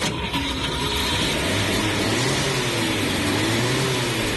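The engine of a Chevette car is started at the beginning of a road trip and runs loudly and steadily, its hum climbing slightly in pitch as if revving up, with no voices over it.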